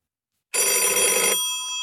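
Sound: telephone ringing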